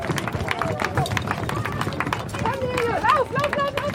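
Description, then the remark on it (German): Quick, repeated footfalls drum across the hollow wooden deck of a 225-metre wooden bridge, just reopened after renovation, as kindergarten children and a running group run across it, with excited voices and a busy crowd murmur around them. “So klingen die ersten Schritte auf dem Brückenbelag.”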